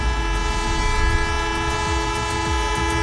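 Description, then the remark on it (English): A loud, sustained train-style horn, used as a quiz contestant's buzzer and sounded as a buzzer test, blares for about three seconds, a steady multi-tone chord with rumbling low noise underneath and no talking. “That is a horn for the days.”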